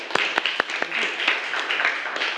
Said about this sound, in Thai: เก่งมากค่ะปรบมือให้กับเพื่อนคนที่สองด้วยค่ะ